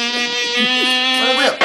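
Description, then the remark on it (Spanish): A loud mosquito-like buzzing solo: one steady, nasal whining drone that wavers slightly in pitch and bends into quick glides before cutting off abruptly. “Solo de mosquito.”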